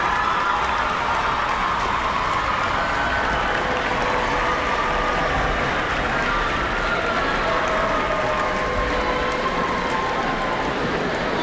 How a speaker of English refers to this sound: Yes, you can applaud.